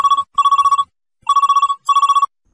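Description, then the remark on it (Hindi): A telephone rings for an incoming call to a phone-in song request programme, loud, in two ring-ring double bursts of rapid trilling tone with a short pause between them. No one speaks. “सुनिए आज के प्रोग्राम का ये अगला फोन कॉल।”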